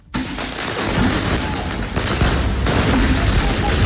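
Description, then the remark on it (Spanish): Loud, dense outdoor din at a street protest on the morning of 2 October, with a burst of fireworks bangs and crackling pops set off by police to disperse the groups, coming thick and irregular over a roaring crowd, with shouting voices mixed into the chaos. “La policía reaccionando con fuegos artificiales, tratando de disolver los grupos, y luego los camiones de bomberos llegando a apagar esas fogatas que se han iniciado en las calles.”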